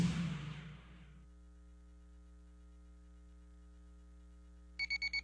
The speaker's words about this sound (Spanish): Uy, no me quiero levantar. ¡Ay, cómo odio los lunes! ¡Pero qué buena alarma tengo!